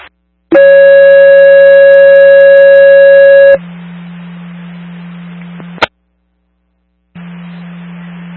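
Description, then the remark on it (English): A loud, steady dispatch radio paging alert tone for a fire call in Lemon Grove Township holds for about three seconds, followed by static hiss and a low hum, a squelch click, a brief silence, then more open-channel static; the call is later cancelled by EMS. “Disregard your tones.”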